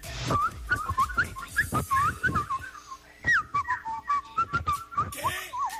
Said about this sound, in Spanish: No. Está muy verde ese chiflido.